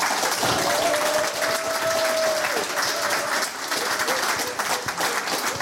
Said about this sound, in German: Und jetzt ist sein neuer Roman, Troja, später Nachmittag draußen. Nochmal einen großen Applaus bitte.